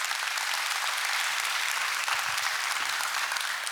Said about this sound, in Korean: 오늘 그 첫 자리 판은 경북 구미 무을농악으로 시작을 했습니다. 경상도 농악 특유의 강건함, 씩씩함을 느낄 수 있었는데요. 박정철 명인과 젊은 예인들이 함께 했습니다. 이분들께 다시 한번 힘찬 박수 부탁드립니다.